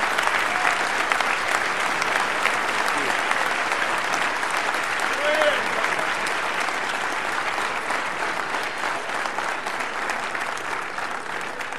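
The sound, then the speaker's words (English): Sustained applause from a large audience receiving Student Minister Ishmael Muhammad, a dense, steady wash of clapping that holds at an even loudness for the whole stretch, with occasional faint cheers rising briefly above it. “Please receive Student Minister Ishmael Muhammad with a great, great round of applause.”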